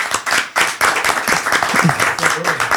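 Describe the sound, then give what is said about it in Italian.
An audience breaks into steady applause, a dense wash of many hands clapping, with a few voices calling out faintly beneath it throughout. “grazie per essere venuti tutti e due, Vittorio e Leo, un applauso”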